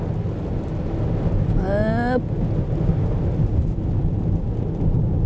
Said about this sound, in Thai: ฝนผสมหิมะผสมหมอกทีอินวันสะใจไปเลยครบสูตรฤดูหนาว